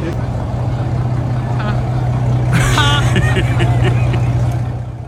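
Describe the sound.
A powerful supercar engine in Monte Carlo runs with a steady, loud low rumble throughout, while voices talk and call out over it in the second half.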